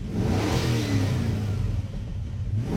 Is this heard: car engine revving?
yes